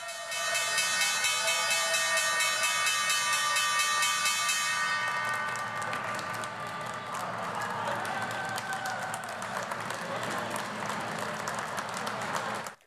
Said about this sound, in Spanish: Dicho esto, son ya casi las 3:30, hora central europea, las 9:30, hora de Washington, y First Trust es la compañía encargada del toque de campana que simboliza el comienzo de esta sesión, parece que convulsa, de jueves 28 de mayo.